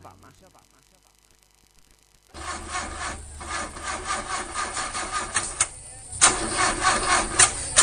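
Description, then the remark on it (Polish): After a quiet opening, the loud, rough engine of an old car churns and sputters in uneven rhythmic bursts, cranking repeatedly and struggling to start. “Neđe ti nešto taj auto, a?”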